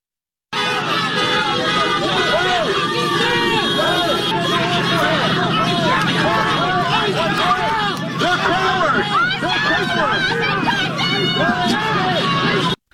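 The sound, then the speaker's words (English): A dense crowd of many voices shouts and clamors continuously at police in a street, a loud, agitated din with overlapping yells, people crossing the street and blocking traffic, with traffic and vehicle noise faintly underneath. “We also know that people gathered on the scene, started freaking out, going nasty at the cops, going across the street, blocking traffic, and doing all sorts of craziness.”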